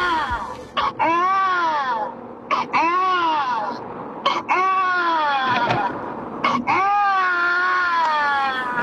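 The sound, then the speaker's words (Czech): An adult voice imitates a crying baby with four long, rising-and-falling wails separated by short gasping breaths, loud, with nothing else in the background. “To je pláč miminka. Takže někdo napodobuje dospělej pláč miminka.”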